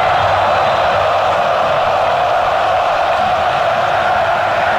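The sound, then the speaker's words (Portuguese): A dense, continuous roar of more than 40,000 football supporters singing at Arena Corinthians stadium, steady and loud throughout, with massed voices blending into a sustained wash of chanting or singing rather than distinct words. “Mais de 40 mil aqui na Arena Corinthians, sofrendo, eles não desanimam não. Cantam o tempo inteiro, ouça aqui, Arena Corinthians, Vila Belmiro.”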